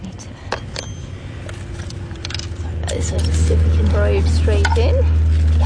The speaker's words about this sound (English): First we'll make a hole. So you're just putting a skewer in there.